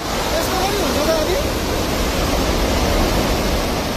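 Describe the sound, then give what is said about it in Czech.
A powerful, steady roar of glacial floodwater surging through a valley along the Trishuli River in Nepal, loud and continuous, a dense wall of churning water noise with no pauses, the water sweeping away cars, buses and houses; the flood was probably caused by a broken-off piece of glacier. “Na záznamech kamer z oblasti je vidět opravdu bleskový nárůst hladiny.”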